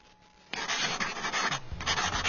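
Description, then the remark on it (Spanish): After a brief quiet moment, a pencil scratches steadily across paper as a draft is being finished, a dry, continuous rasp that swells and dips with the strokes for about two seconds. “Listo, terminé el borrador.”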